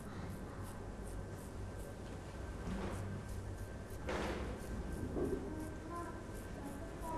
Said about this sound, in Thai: ดีดสีเด็กๆดีดให้หันแปรงเข้าไปที่กระดาษนะลูกเพราะว่าถ้าหันแปรงออกมาสีจะกระเด็นมาโดนเสื้อเด็กๆได้นะคะ